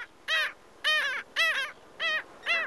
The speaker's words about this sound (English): This is WSHU's Bird Song Break, calling our region's sandy beaches home for the summer. It's the black skimmer.